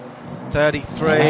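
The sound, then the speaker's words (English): The Honda engine of the number 33 race car roars away from the pit in two loud, buzzy surges, picked up on a pit microphone, its high whine climbing in pitch with each burst over a low background rumble. “There goes the Honda on Arjuna's pit mic there.”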